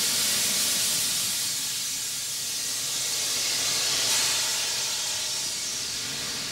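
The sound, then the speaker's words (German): A train at Laupheim station, where two trains are being joined, lets off steam in one continuous, loud hiss lasting several seconds, bright and airy with a faint low rumble underneath. No one speaks. “In Laupheim werden die beiden Züge vereinigt.”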